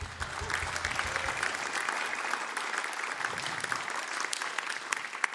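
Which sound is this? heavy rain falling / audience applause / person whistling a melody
audience applause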